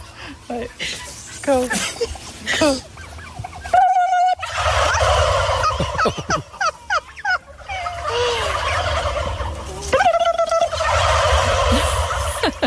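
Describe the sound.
A flock of turkeys in a field in Norfolk, England gobbles loudly and repeatedly in response to two women imitating a turkey, the rapid rattling calls overlapping in bursts, with some human voices and commotion mixed in.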